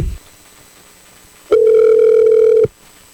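A single ringback tone from an outgoing phone call: one steady, loud electronic hum lasting about a second, alone against quiet line hiss, with no voices.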